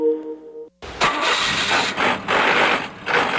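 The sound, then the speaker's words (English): A car engine hums with a steady tonal whine, then breaks into a loud, harsh grinding as a transmission gear shift is forced, rasping and surging in rough waves. “Dude, get your shift together. That sounds horrible.”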